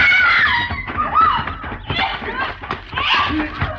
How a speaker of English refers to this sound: What was that? Oh, sound like a lady scream, Mr. Paladin. Come on.